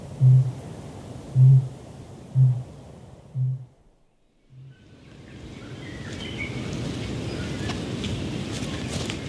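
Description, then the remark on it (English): Five deep, resonant kākāpō booms from the island tops in the distance pulse at roughly one-second intervals, growing fainter, followed by a windy hiss with faint, high ruru chick chittering scattered through it. “Ruru chicks chitter away, while from the island tops in the distance, a kākāpō is booming.”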